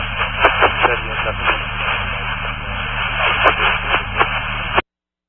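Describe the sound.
A garbled radio transmission buried in steady static, a voice breaking through in short bursts too muffled to make out, running for about five seconds before cutting off abruptly.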